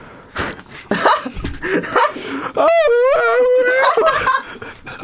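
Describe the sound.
A voice singing lets out a long, loud, warbling wail with shaky, wavering pitch, like a banshee scream, following a few short giggling vocal bursts.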